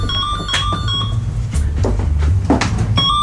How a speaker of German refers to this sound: Bis dann am späten Vormittag das Telefon klingelt.